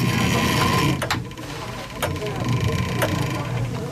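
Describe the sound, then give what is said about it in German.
The clockwork of the chapel clock in Arnsbeck, with many gears, a small motor and a crank, being wound by hand: a steady mechanical whir and rumble, punctuated by sharp clicks about once per second in an even rhythm, with faint voices in the background. “Da ist noch so ein kleiner Motor, da ist eine Kurbel”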